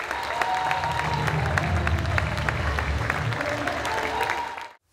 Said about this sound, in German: Ja, Applaus passt jetzt gut.